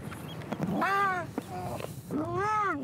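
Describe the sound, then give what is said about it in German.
Two young harbour seal pups, about 10 kilos each, cry out in two loud, drawn-out wails, with a fainter call between them, bleating much like a meowing cat. “mit 2x10 Kilo Seehunden und einem Plastikkübel durch nasse Salzwiesen stapfen”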